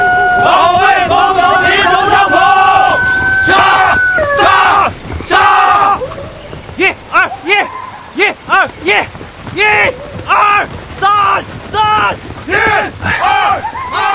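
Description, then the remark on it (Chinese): Red Army soldiers at morning drill at dawn in Madaokou village, Ruijin, Jiangxi, shout together in a loud, overlapping roar, then break into rhythmic, evenly spaced chanted bursts, calling out slogans in unison. “一个清晨，在中央红军驻地江西瑞金马道口村，晨曦中战士们在晨练，跑步声、喊杀声、口号声此起彼伏，炊烟袅袅中伴随着几声公鸡的啼鸣和牛啊狗啊的叫声，这情景真是好不热闹。”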